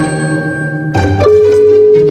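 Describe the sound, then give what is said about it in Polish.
A steady electronic telephone ringback tone plays as an outgoing call from Radio Z to kickboxer Marcin Najman connects, a sustained hum-like tone shifting partway through, with no voices. “Słuchajcie, my właśnie w tej sprawie dzwonimy do boksera, do kickboksera, z którego śmieszkuje cały internet, czyli do Marcina Najmana.”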